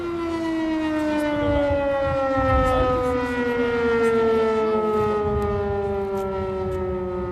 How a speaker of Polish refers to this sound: Alarm się kończy.